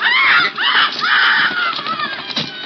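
A caged bird squawks loudly and harshly as its neck is wrung, several strained, rising-and-falling screeches tumbling one after another in a frantic burst before trailing off.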